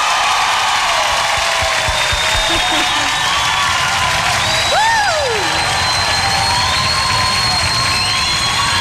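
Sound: audience applause and cheering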